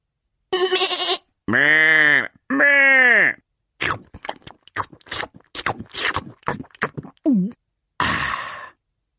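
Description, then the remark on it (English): Two loud, wavering sheep bleats sound back to back near the start, followed by a quick series of short, crisp crunching clicks and a breathy sound at the end. “When the cat has gone to sleep, I nibble grass like a hungry sheep.”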